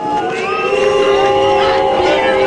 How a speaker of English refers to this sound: During campaigning in Germany's eastern Saxony-Anhalt state last week, Chancellor Friedrich Merz was booed by far-right AfD supporters.